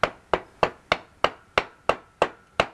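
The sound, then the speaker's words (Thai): A hammer drives a spoke into a wooden wheel of a handmade horse carriage with nine sharp, evenly spaced blows. Each strike rings briefly and fades, with no talking. “ซี่รถมาอย่างลักษณะเนี้ยมีน้องตอกไปเลย ได้เหรอคะ ได้ลองใช้ค้อนตอกไปมันจะพอดีมันตอกอีกซี่นึงอ้าวนั่นๆๆตอกไปเลยนะนะ”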